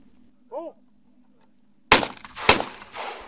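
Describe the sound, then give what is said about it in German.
A short shouted call, then two loud shotgun blasts about half a second apart, each with a sharp crack and a ringing decay, fired at clay targets on a shooting range lit by floodlights of about 5000 watts. “Und Sie können hier gleich sehen, wenn der erste Schuss fällt. Die Tauben sind gut, sehr gut sichtbar.”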